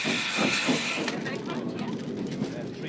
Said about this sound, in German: Im Dampfsonderzug verlassen wir Waterford ganz gemütlich im Barwagen.